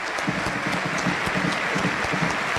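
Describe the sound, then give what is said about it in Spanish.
A large stadium crowd applauds the player Farías as he leaves the pitch, a dense wash of clapping with scattered sharp claps standing out, loud and continuous for the whole stretch with no voices rising above it. “Bueno, aplaudilísimo la joya Farías.”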